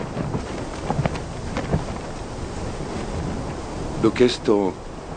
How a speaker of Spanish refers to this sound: ¿Lleva mucho este viento? Sí. Vimos una gran tormenta en las pantallas